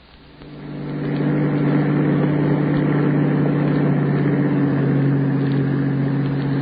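A bus engine rumbles into a steady, loud, low drone after a brief rise in the first second, running continuously with no voices.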